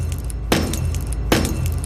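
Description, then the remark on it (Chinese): Two sharp, light taps on acrylic glass irradiated by an electron accelerator, less than a second apart, each setting off a flower- or feather-like discharge with flickering electricity inside the glass, heard as a bright glassy crack trailing into a brief crackling fizz, over a steady low hum. “我们再在其他没有敲的地方再敲一敲试一试啊。”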